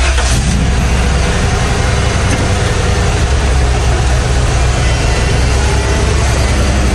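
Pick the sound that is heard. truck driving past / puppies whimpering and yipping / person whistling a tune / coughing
truck driving past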